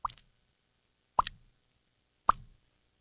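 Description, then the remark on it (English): A voice imitates water dripping from a leaky sink with three short, wet mouth plops spaced about a second apart, each a quick bright pop with a tiny trailing tail, with no talking. “I used to do a sound effect of a water dropping from a leaky sink.”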